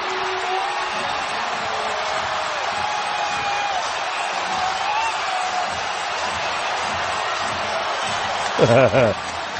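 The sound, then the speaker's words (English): A dense, sustained roar from a large arena crowd at a New York Knicks basketball game against San Antonio fills the space like a steady whir as the Knicks pull within four points with 4:30 left, swelling slightly toward the end, where a brief tonal blast cuts through. “And you hear the crowd build. You hear this almost this whir.”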